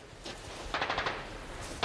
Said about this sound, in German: Sie erwidern das Feuer. Jetzt sind sie aufgewacht. Zuerst beschossen sie die Häuser mit Maschinengewehren. Später ließen sie 60 mm Geschosse auf die Häuser prasseln.